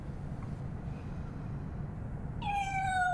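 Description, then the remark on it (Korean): A small kitten, Bongju, lets out a single high, thin meow near the end while peeking out of a room and looking around warily, rising clearly over a steady low background hum. “아기 고양이 봉주가 방에서 빼꼼 얼굴을 내밀고 경계하듯 두리번거린다.”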